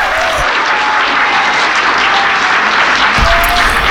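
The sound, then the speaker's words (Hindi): Loud, dense applause from a crowd fills the whole stretch, a steady wash of many hands clapping with no one speaking over it, welcoming a caller joining a live call-in show. “तो चलते हैं जनाब, पहले तालियों की गूंज में खुश आमदीद, वेलकम, जी एन यू, सत बिस्मिल्ला कहेंगे”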